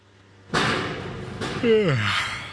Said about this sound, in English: Rise and shine, East Harlem. Sure is loud. This stretch of 2nd Avenue is one big construction site. Many of the stores along the corridor are currently surrounded by fencing and scaffolding.